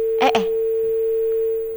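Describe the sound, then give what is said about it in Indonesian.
A steady, unbroken telephone tone hums on after a call drops, holding one pitch for nearly two seconds, with a brief burst of voice or noise near the start. “Terputus, Teh. Suaranya keputus. Apa teleponnya keputus?”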